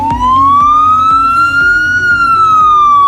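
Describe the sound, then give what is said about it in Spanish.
A loud ambulance siren wails, its tone sweeping slowly up and then easing back down, with a low engine rumble beneath and no voices. “Son 52 ambulancias, 28 UBIs, vehículos de intervención rápida que cambian su aspecto, más franjas diagonales rojas y amarillas en la parte trasera para favorecer su contraste, mejores sistemas de sujeción interior”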